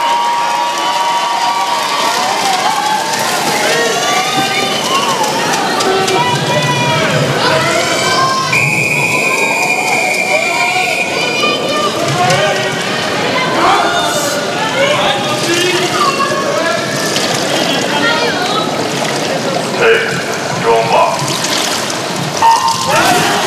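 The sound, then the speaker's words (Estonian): A home crowd of a couple of thousand people cheers and shouts continuously at a women's 100 m backstroke swimming final, with whistles and high excited voices rising above the steady roar throughout. “Täpselt nii, siin tuleb prantsastele kõva duell, sellepärast, et kodupublik on samuti aktiveeritud, paar tuhat inimest elavad seal kaasa.”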